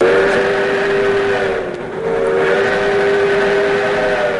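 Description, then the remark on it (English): The Skunk Train's restored steam engine blows its whistle loud and sustained with rich harmonic tones, briefly dipping before sounding again over the rumbling chug of the engine, on a Days of Steam ride through the redwood forest. “Hop aboard the Skunk Train's restored steam engine experience.”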